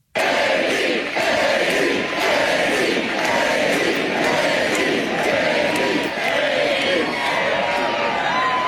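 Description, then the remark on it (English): A large, loud crowd at a J.D. Vance speech chants his name in a steady repeating rhythm, voices roaring together continuously with no breaks, sounding energized. “I gotta say, it's pretty cool to hear a crowd that is this fired up chant your name.”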